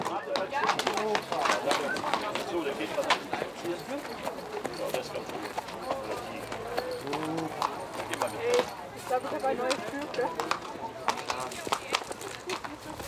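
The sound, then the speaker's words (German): Horse hooves clip-clop steadily at a walking pace as racehorses stretch their legs after a long journey, six hours before a race, with voices talking over them and occasional birdsong in the background. “um sich heute um die Schlossner Pferde zu kümmern”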